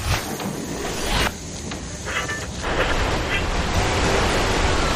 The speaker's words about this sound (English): Oh, man. It's raining heavily and I can't see the road. I should have changed the windshield wipers yesterday, la.